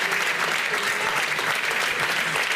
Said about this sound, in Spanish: Salo bat berriro, un aplauso para ambos.